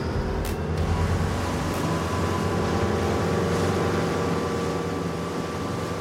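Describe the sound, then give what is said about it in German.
A boat's motor drones steadily for several seconds as the boat sets off on the sea, a continuous rumble with a low engine hum and a broad wash of water noise. No one speaks. “Das Boot legt an und Papa hilft Lukas einzusteigen. Ab geht die Fahrt.”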